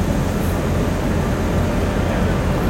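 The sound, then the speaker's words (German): A coin-operated model railway freight train runs steadily along the track of a layout about 1.5 by 2.5 metres, its small motor giving a continuous low whirring rumble with faint rolling clatter, even in loudness throughout, with no voices. “So, dann fahren wir mal mit den Güterzügen hier.”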